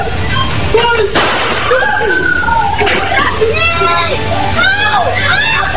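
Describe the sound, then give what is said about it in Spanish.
A single sharp gunshot from a handgun, fired by a criminal struggling with his victim on a public street in Brazil, cracks out early on, loud and abrupt, amid ongoing chatter and excited voices talking over a busy street-like background. “El delincuente disparó una vez más y esta vez el arma sí funcionó.”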